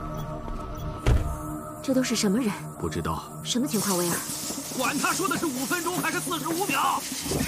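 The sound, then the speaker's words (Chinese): Bursts of aerosol spray paint hiss in steady sprays as a car is hastily spray-painted fluorescent green, with a louder continuous hiss in the second half, while people talk excitedly over it. “你只有45秒钟了，你就喷吧，喷就行了。”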